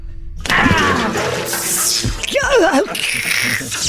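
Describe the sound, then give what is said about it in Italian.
A sudden loud whoosh and splash as a bucketful of water is thrown onto a robot, followed by a warbling electronic whine and crackling noise, with no talking. “Ma adesso ci penso io, con la secchiata d'acqua.”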